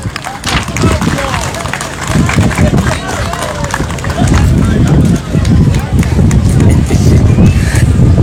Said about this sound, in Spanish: Vamos a recibirlo con fuertes aplausos.